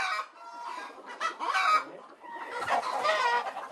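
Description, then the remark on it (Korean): A flock of laying hens in a farm's laying house clucks steadily in overlapping, mid-pitched bursts, with a few louder squawks rising above the continuous chatter and no voices. “닭들이 알을 낳는 산란장.”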